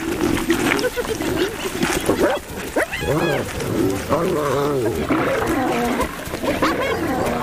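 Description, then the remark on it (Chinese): Spotted hyenas, led by Halaka and the matriarch Magiya, counterattack lions in a loud, chaotic brawl, with overlapping roars, snarls and high yelping whoops rising and falling continuously throughout. “哈拉卡和女族长玛吉亚联手向狮子发起反击。”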